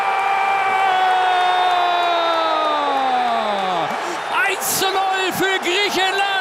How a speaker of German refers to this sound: Wir hören dazu jetzt Stimmen von Fußballfans, von Bundestrainer Jürgen Klopp und natürlich hören wir auch den Torjubel für Griechenland.